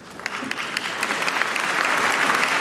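A crowd claps in a steady, regular beat, the sharp claps forming an even rhythm that thickens into a dense, louder wash of applause. No one speaks over it.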